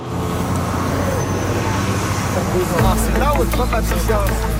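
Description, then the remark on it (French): Steady street traffic hums as a city bus engine rumbles, its low drone swelling louder partway through, while scattered voices chatter as students leave the city bus at the Georges Vanier high school, at the corner of two big roads near highway 40, in the Villeray district of Montréal. “On a la masse d'étudiants qui sortent du bus de ville.”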